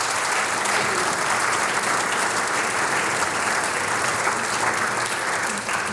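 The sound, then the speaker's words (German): A crowd claps steadily for the whole stretch, a dense, even wash of many hands at a constant loud level with no pauses, and no voices stand out. “Ich glaube, einen herzlichen Applaus irgendwo hin, wo er gerade auf Hochzeitsreise ist.”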